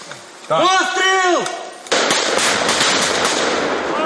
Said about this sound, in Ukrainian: Постріл!